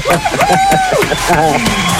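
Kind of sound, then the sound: crowd, applause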